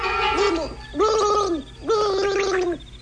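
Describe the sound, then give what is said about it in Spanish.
Three gurgling, bubbling bursts, each under a second, like air forced out through a tube underwater, coming from among the trees. Each has a wavering, throaty tone with short pauses between, and no talking. “Fue algo semejante al ruido que hace el aire al escapar por un tubo bajo el agua.”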